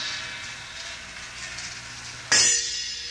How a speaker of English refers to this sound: Large gong and small gong.